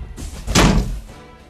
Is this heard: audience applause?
no